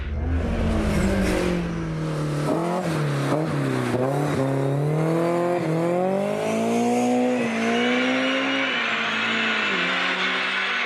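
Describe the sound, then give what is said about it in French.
A car engine revs hard and fast, climbing from 6,000 to 8,000 rpm in a fraction of a second, its pitch rising repeatedly through quick gear changes, loud and continuous with a whining, high-revving edge and no talking. “Le moteur, franchement, il monte dans les régimes à une vitesse absolument incroyable.”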